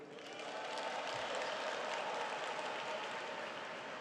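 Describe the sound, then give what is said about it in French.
Steady applause from a large crowd of French-speaking pilgrims at a papal audience, a dense continuous patter of many hands clapping at an even, fairly loud level throughout, with no voices standing out. “Et ils applaudissent, ils sont nombreux.”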